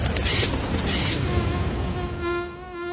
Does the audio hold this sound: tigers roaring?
no